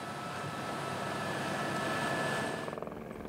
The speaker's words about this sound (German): Der Helikopter kann die frischen Lebensmittel zur Fjellstation bringen.